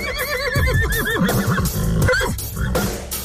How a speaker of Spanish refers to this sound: orejas que la ponen a uno cansado de tanto estar oyendo relinchar al caballo, compañero.